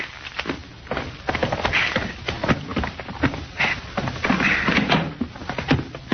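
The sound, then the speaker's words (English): A lock rattles and clicks as a door is unlocked with keys, followed by a series of sharp clunks and thuds as it is pulled open, with steady handling noise throughout. “All right, go ahead and open the door, short off.”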